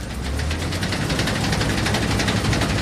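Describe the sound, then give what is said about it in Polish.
A heavy combine harvester engine from the 1970s runs steadily, a loud low rumble with a rapid mechanical knocking throughout and no voices. “ja mam dosyć stary kombaj, bo pochodzi z lat 70.”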